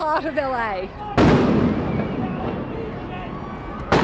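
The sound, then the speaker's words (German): A sharp, loud bang cuts off a voice, followed by a noisy crowd-like rumble, then another sudden crack near the end: rubber bullets fired by security forces at an Australian reporter on camera during a demonstration in Los Angeles. “Bei einer Demonstration in Los Angeles wird diese Reporterin aus Australien vor laufender Kamera mit Gummimunition von Ordnungskräften angeschossen.”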